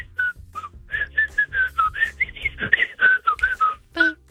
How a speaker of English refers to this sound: No, I was doing the Mario theme song. That's the Mario theme song? The Mario theme song. That's my favorite thing to whistle.